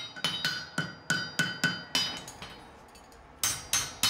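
A farrier's hammer rings sharply on hot iron as a horseshoe with a toe clip is forged so the horse can walk without pain, about a dozen metallic strikes in a steady rhythm with a brief pause before the final few blows, with no voices.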